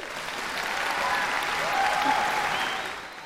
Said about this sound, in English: I should have waited for the applause. Dark Night of the Soul by Norwegian composer Ola Jarlo. And that applause for the VCAS, Victorian College of the Arts Secondary School, chorus and orchestra.